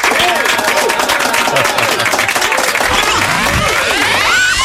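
A live audience breaks into sustained, loud applause, dense clapping filling the whole stretch, with some cheering and whoops rising over it from the crowd.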